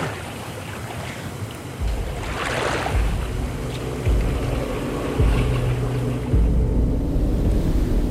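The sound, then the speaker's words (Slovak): Steady rushing river water surrounds a small rowing boat at night, with low, dull thumps recurring roughly every second as it moves along. The sound is fairly loud, with no voices. “Noc je síce tmavá, ale mám pocit, ako by rieka šumela inak.”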